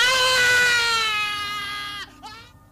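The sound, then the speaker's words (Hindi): A loud, drawn-out scream of pain from a patient whose wound is being cauterized with a red-hot iron rod by a blacksmith as a rabies treatment, lasting about two seconds, then breaking into a choked, strained gasp as it fades. “जले हुए मांस की बदबू और रोगियों की दर्दनाक चीखों से”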